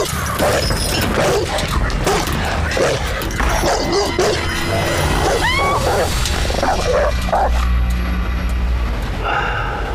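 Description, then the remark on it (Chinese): Dogs bark loudly and almost continuously, mixing deep woofs with high yelps and whimpering whines, in a crowded, noisy scene where muffled voices can be made out underneath. “一会儿泰君的狗啊，就让你明白的啊”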